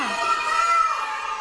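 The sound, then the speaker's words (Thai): Several children loudly shout numbers in unison as they count together, a bright, high-pitched chorus of voices held steadily for a moment. “เด็กๆไม่ต้องตะโกนเสียงดังนะคะเราค่อยๆพูดได้นะคะเราเป็นข้อตกลงของเราเป็นการพูดแบบไม่ต้องตะโกนใช่ไหมคะ”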